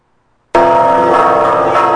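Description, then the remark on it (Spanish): After a brief silence, the church bells of the parish of Santa Prisca and San Sebastián in Taxco, Mexico, burst into a loud peal at 3 p.m. on a Saturday and keep ringing for the disappeared in Mexico, their tones overlapping into a dense, resonant clang with no voices. “Así se escuchó en punto de las 3 de la tarde del sábado pasado el repique de las campanas de la parroquia de Santa Prisca y San Sebastián en Taxco por los desaparecidos en México y como un llamado para construir la paz.”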